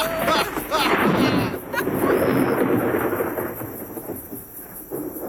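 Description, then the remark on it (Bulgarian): A rain shower with thunder while the sun shines: a loud, continuous rolling rumble fills the whole stretch, with a steady wash of rain hiss on top, easing slightly toward the end. “Дъжд вали, слънце грее, мечка се жени.”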